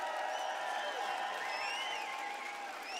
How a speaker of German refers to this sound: Mach mal Applaus für Kurs.